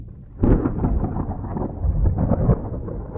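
A loud roll of thunder during a thunderstorm bursts in after a brief lull and keeps rumbling deeply and continuously, with no voices present.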